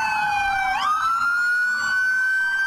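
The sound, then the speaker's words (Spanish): Loud ambulance sirens wail continuously, several overlapping tones sweeping and holding steady, with a rumbling traffic background and no one speaking; ambulance crews sound horns and sirens in protest outside a medical clinic in the Kennedy locality of Bogotá, Colombia. “Las protestas y en esta oportunidad de los tripulantes de ambulancia que llegaron hasta Medical, este centro asistencial en la localidad de Kennedy, hicieron una pitazón y además prendieron las alarmas”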